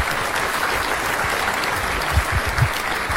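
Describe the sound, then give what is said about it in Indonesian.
A crowd claps steadily throughout, a dense, even wash of many hands with a few sharper individual claps standing out near the end, applauding Team A (Regu A) after its answer in a quiz competition. “Tepuk tangan untuk Regu A.”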